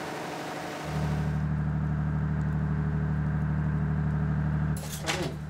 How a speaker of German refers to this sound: Das Anschalten des Notdiesels ist auch im Foyer nicht unbemerkt geblieben.